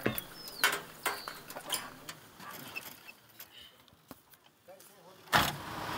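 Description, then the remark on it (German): A truck rolling along a rough, narrow, steep mountain road with ever tighter curves, with intermittent rattles, clunks and creaks over a faint engine rumble, fairly quiet, with a sharper knock near the end. “Der hat den LKW bis jetzt noch immer sicher nach Hause gebracht.”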